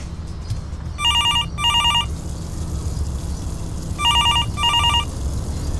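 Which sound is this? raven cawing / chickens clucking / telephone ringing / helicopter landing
telephone ringing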